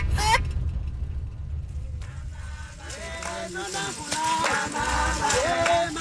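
Chickens, soon to be eaten, cluck and squawk in a busy, overlapping burst over a low outdoor rumble, the calls growing thicker and louder after a quieter opening.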